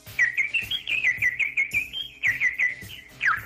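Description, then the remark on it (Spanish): High, rapid chirping from newly hatched baby birds, a continuous stream of thin peeping notes with a rhythmic pulsing underneath, fairly loud, with no talking. “Pajaritos de cuando acaban de nacer.”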